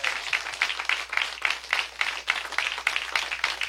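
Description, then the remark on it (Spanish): Sustained crowd applause at a Christian gathering, given for Christ as the King of Kings, many hands clapping together in a dense, steady roar of claps that stays fairly loud and even throughout, with no voices standing out. “Denle un fuerte aplauso al Rey de Reyes.”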